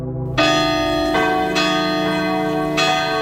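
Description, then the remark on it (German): The Dicker Pitter, the massive, deep bell of Cologne Cathedral, tolls, its rich ringing overtones swelling with each new strike about every second or so and hanging heavily in the air, loud with no voices. “Wenn die läutet, geht das durch Mark und Bein und wortwörtlich sogar durch die Erde.”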